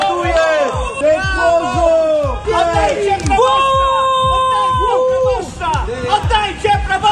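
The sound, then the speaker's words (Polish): Parishioners protesting their parish priest's dismissal shout loudly and continuously as Bielsko-Żywiec bishop Roman Pindel leaves the parish under police escort, many raised voices overlapping in rising and falling yells and chants, with sharp cries such as "Ucieka!" breaking through the dense, steady clamor. “Ucieka! Tak się Kościół prezentuje!”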